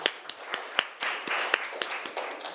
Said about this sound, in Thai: ปรบมือดังๆให้จิ๊กซอหน่อยค่ะ